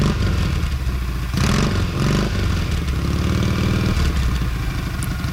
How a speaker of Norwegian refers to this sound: Der ja. Prøver å starte motorsykkelen min her.